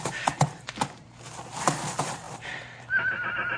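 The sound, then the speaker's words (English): A colt being whipped whinnies in a series of loud, shrill neighs, with sharp hoof clops at the start and a long, high, wavering cry at the end. “Stop whimpering, you ornery colt.”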